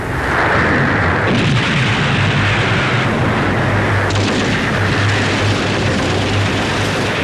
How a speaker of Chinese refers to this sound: 晨雾尚未完全消散，枪炮声、喊杀声响彻湘江两岸。在江岸阵地上，各路国民党军犹如输红眼的赌徒，不惜血本，倾全力展开集团冲锋。